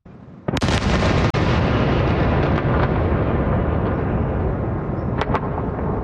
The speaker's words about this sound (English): Close to midnight, I started with the initial wave of, I'd say, about 6 explosions, ballistic missiles. And then that began waves of attack that lasted into the early morning hours,